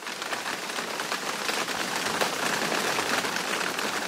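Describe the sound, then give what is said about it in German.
Steady rain falls and patters on a hard surface, a dense, even hiss of countless drops with no pauses and no voices. “Genau, es regnet mal wieder.”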